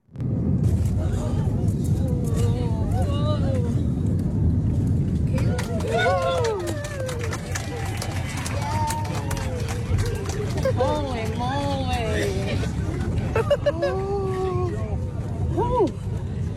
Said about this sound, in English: That was fun. That was her plane landing in Perth at the weekend. I did notice a lot of people saying it was the roughest landing they'd ever experienced.